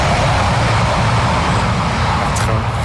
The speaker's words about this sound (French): On pourra couper, il n'y a pas de souci, le train. On pourra garder le train parce qu'il faut savoir qu'il y a des trains qui passent très régulièrement juste à côté du camp. Ils sont vraiment juste proches. À côté.